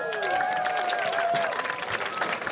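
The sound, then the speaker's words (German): A talk show audience claps and cheers steadily for a couple of seconds, a dense, even patter of hands with a few whoops and voices rising over the applause, for guests Jasna Fritzi Bauer and Max Schimmelpfennig. “Einen Applaus.”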